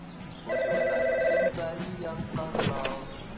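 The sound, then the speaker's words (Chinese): A landline telephone rings once with a warbling, electronic trill lasting about a second. Afterward come quieter room sounds and faint voices. “要不咱把电话线拔了。”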